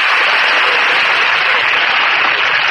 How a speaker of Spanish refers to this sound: Es emocionante. ¡Qué aplauso! Como que son la vida de un artista.